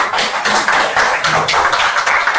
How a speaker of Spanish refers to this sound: Los que estén a favor, sírvanse a levantar la mano. Aprobado por unanimidad. Ahora aplauden.